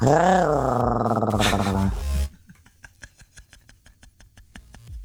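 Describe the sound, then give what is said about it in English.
A person voices a loud, rough, wavering growl in imitation of a tiger for about two seconds, then it drops off into quiet, rhythmic breathy pulses like soft chuckling. “My animal laugh for the day would definitely be a tiger.”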